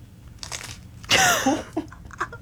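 A loud crunch as someone bites into the crisp pastry shell of a cannoli, followed by a few softer crackling chews, with no talking.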